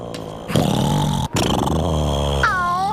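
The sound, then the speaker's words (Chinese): Loud, rough snoring from a sleeping bear cub from the wild in PAW Patrol, two long rumbling breaths with a brief pause between, growly, voiced by a person imitating the snore. “小的小熊打呼声还真大， 差不多和你一样大声。”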